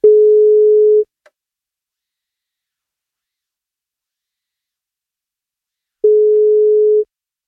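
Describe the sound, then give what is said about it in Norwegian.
A telephone ringback tone heard while the radio station NFM places a birthday call to a listener: two steady one-second beeps separated by about five seconds of silence, clear and fairly loud, with no voices. “Vi plukker opp telefonen og ser om vi får tak”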